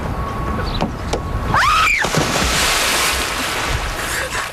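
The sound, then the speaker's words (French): A splash of someone jumping into water swells up about midway, set against a steady wash of surf-like noise, with a brief rising-and-falling squeal and a couple of faint knocks just before. “Faire une première émission, c'est un peu comme se jeter à l'eau. Et là, je vais vous faire une démonstration.”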